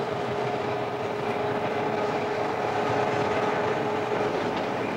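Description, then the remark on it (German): A steady, dense rumble of a train in motion, with a sustained mechanical hum and faint rolling clatter continuing evenly throughout, fairly loud, with no voices; two electric railcars with 2000 hp haul the train uphill past the Bernina group in the Engadin, Switzerland. “Die zwei Triebwagen mit ihren 2000 PS haben den Zug jetzt schon 100 Meter hochgezogen.”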